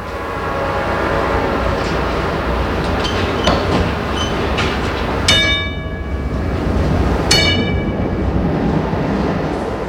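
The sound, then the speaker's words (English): A trolley car rumbles steadily along rails, its low running noise continuous, while the conductor rings its bright bell twice with ringing harmonic tones, once around midway and again shortly after. “Ask the conductor if he can ring his bell a few extra times for you.”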